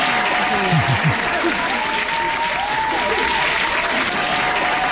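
Loud, sustained applause from a large audience fills the whole stretch, a dense steady wash of clapping with faint crowd voices mixed underneath.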